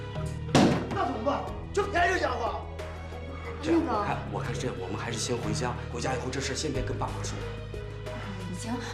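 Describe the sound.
A door is kicked with one heavy, booming thud near the start, as people demanding it be opened try to kick it in, followed by several seconds of voices talking over a low background hum.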